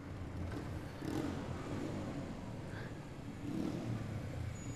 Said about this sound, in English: Reuben is getting off his motorbike in the walkway between tightly packed buildings below